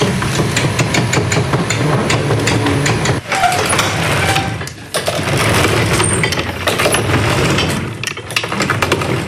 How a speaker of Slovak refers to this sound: Takýto zvuk vydáva otáčajúca sa kupola.